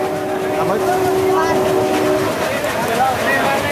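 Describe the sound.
Busy interior of an Indian passenger train, with a steady rumble and clatter under overlapping voices and calls, where food vendors hop on and off at stations, plus a sustained high tone like a vendor's cry or a horn in the first half.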